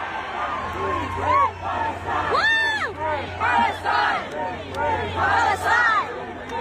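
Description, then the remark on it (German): A large concert audience in South Korea, many holding Palestinian flags, chants the slogan "Free, free Palestine" in unison, many voices rising and falling together in repeated bursts, with a steady low hum beneath. “Am Samstag hatten sie dann auf ihrer Tour auch ein Konzert in Südkorea und da haben viele selbst eine Palästina-Flagge dabei gehabt und zeitweise klang es im Publikum dann auch so.”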